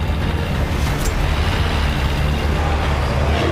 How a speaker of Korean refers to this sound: 도로에 바리케이드가 서있다. 김학균은 트럭을 돌진시켜 바리케이드를 부수고 달려나간다.